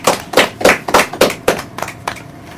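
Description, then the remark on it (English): A group giving themselves a round of applause, heard as roughly nine loud, sharp bursts of clapping in a steady rhythm that gradually thins out and fades, with no talking. “Can we give ourselves a round of applause?”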